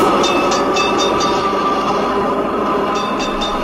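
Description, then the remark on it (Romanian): A tram rumbles steadily along its rails, loud, with quick rhythmic clicks of the wheels over track joints at the start and again near the end. “Dum' acasă, măi, tramvai.”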